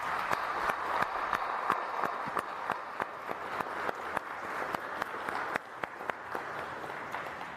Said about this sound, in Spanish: Pues muchas gracias y le damos un aplauso. Gracias.